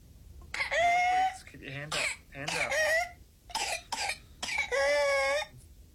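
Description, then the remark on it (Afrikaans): A child with whooping cough: bursts of harsh coughing broken by long, high-pitched whooping gasps for breath, repeating several times in loud, strained fits. “En so klink kinkoes se vreemde whooping hoes, waar die kind letterlik na asem snak.”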